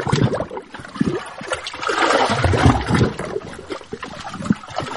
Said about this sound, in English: It now costs money to sleep there, and we can hear the lapping waves better from the tent anyway.